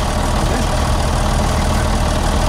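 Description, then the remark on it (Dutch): A heavy yellow truck's engine idles steadily, a deep continuous rumble with a faint rhythmic knock, loud and unbroken with no voices. “Dan komt Henk Wijngaard in zijn eigen truck voorbij rijden. Hoort dit dan? Ja. Naar je machine.”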